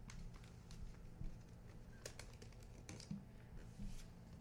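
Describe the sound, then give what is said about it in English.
Soft rustles and crisp creases of A4 paper being folded into triangular flaps to wrap books, a few quick crackles spread irregularly over a few seconds against a low, steady background hum. “They're wrapping their books with triangular flaps from the A4 paper.”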